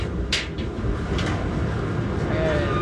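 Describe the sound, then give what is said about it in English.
A large Navy laundry dryer that holds about 100 pounds of laundry has its door unlatched and swung open with a sharp clack, a second knock, and a faint squeak, all over a steady low machine rumble. “Right now, I'm opening the dryer.”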